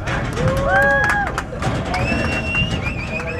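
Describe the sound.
Cowboys herd cattle through the open gate in the border fence at the Santa Teresa livestock crossing in New Mexico, from Mexico to the U.S. side and into corrals, under a bright blue sky with a small crowd gathered: several sharp, sliding whistles cut through a steady, rumbling commotion of movement, with people calling and talking throughout.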